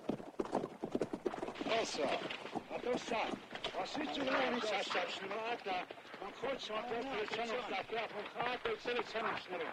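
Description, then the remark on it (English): A large group of Indians on horseback approaches at a trot: many horses in a steady, dense clatter of clip-clopping hooves, loud and continuous, with voices calling out over the hoofbeats. “As the rest run away, kicking up a storm of dust, a large group of Indians on horseback approaches Jethro.”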